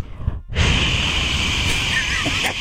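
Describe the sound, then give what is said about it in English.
An event host blasts a loud, steady hissing rush into a microphone, imitating harsh white noise to get a crowd to quiet down; after a brief breathy moment, the broad static-like sound holds evenly for about two seconds. “And I create white noise over the mics.”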